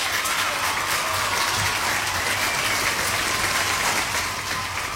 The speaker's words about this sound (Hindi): बिल्कुल सही, सही जवाब, सटीक जवाब, और सबने बिल्कुल सही जवाब दिया, इसलिए हम क्या करेंगे, तालियां बजाएंगे।